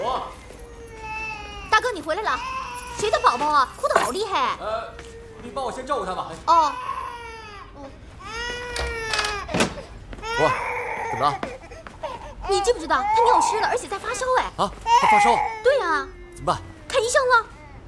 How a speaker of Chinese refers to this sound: 谁的宝宝啊？哭得好厉害。